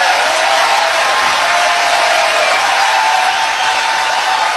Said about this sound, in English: But I don't want to take it out. I don't want to censor the applause either. But this happened in Michigan during a rally for someone running for Senate there who seems like a crazy person himself.